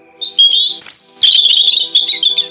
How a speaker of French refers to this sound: Tous les matins, ce sont les petits oiseaux qui la réveillent en chantant.